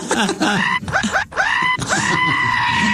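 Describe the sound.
A person loudly imitates the scream of someone having the foreskin cut without anesthesia, letting out several drawn-out, strained wails in quick succession, filling the whole moment.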